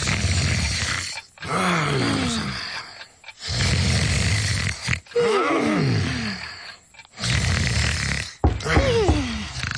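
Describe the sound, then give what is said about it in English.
Three voices snore loudly in unison in long, rumbling, groaning breaths as they sleep in their beds, four big snores repeating steadily with short pauses between, theatrical like people imitating snoring. “Gruffy, Muffy, and Gruffy Jr. were all snoring in unison”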